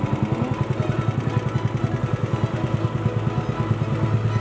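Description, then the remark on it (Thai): A small boat engine chugs steadily on the Phra Khanong canal in Thailand, on a trip to collect fish traps set under a bridge, its low rhythmic thumping pulsing evenly throughout with no one speaking. “เราก็จะดับเรือพายไปใช่ไหมฮะ ใช้ดับเครื่องอย่างเดียวไม่อย่างเดียว”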